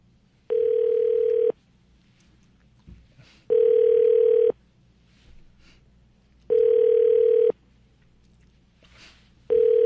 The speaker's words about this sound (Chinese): 好，现在打电话给他啊，通了。